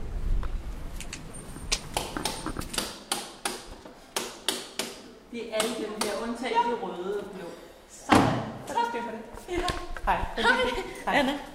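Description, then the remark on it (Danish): The latch of the heavy, closed door of the Matthæuskirken church in Vesterbro rattles and clunks in a series of sharp mechanical knocks, then the door swings with a loud, resonant thud. Indistinct voices murmur. “Det er Matthæuskirken, vi er kommet frem til, hvor døren er lukket. Jeg prøver at se, om jeg kan stikke snuden indenfor”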